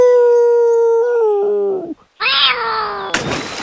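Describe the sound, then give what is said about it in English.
A person lets out a long, loud wolf-like howl, imitating a wolf, that wavers and drops in pitch, followed after a brief pause by a harsher, noisier cry and a sudden rough burst. “Then he howled like a wolf.”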